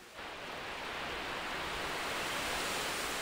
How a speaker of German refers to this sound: Ein Wasserfall. Manchem schlüpft hier über die Lippen, dass er mal in Norwegen war oder in Kanada. Und da habe er ganz andere. Ja, die Wasserfälle in Norwegen jedoch sind eine Gegebenheit. Und dieser hier ist gemacht.